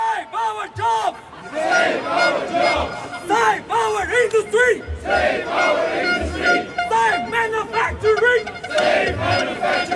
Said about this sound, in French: Ce midi, les klaxons ont résonné dans le quartier européen du côté du rond-point Schuman. Et pour vous donner une idée, voici à quoi ça ressemble une manifestation de patrons.